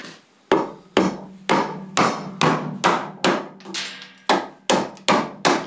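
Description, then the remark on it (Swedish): A mallet strikes a round gouge chisel a dozen or so times in a steady rhythm while carving out a lur toward its mouthpiece, each sharp woody knock leaving a brief low ring before the next blow; no one speaks. “Och först avverkar man väldigt mycket med varje slag och sen så blir det mindre och mindre ju närmare munstycket man kommer.”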